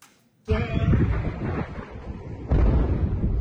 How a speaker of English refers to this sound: An intense wave of U.S. strikes hitting a wide range of targets across Iran. East of the country, multiple explosions in Chabahar.